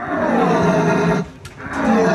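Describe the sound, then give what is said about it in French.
A person imitates a red deer stag's bellow at a stag-call imitation competition in Saint-Hubert: a loud, throaty roar that holds for over a second, breaks off briefly, then resumes in a second rough burst. “Des passionnés qui vont jusqu'à imiter le brame du cerf et certains sont très doués.”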